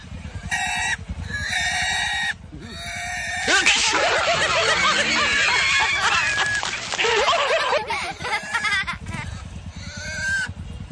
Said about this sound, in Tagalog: Iwit ng baboy. Yan ang mga kauban dito sa likod.